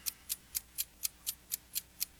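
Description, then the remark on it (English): A quiz timer clock ticks steadily, about four ticks per second, each tick a crisp, bright click at an even, moderate volume, with no voices over it. “Don't sit there and try to think and tick all your seconds off the clock”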